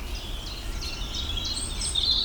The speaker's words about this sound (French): Rouge gorge là.